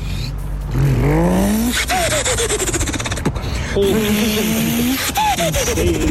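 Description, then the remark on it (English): A man's voice mimics a car engine revving, with rising pitch sweeps that climb, drop, and climb again like gear changes, loud throughout with a raspy, buzzing texture. “give me your best car impersonation, whether it's a burnout, whether it's a car ripping it up around the track”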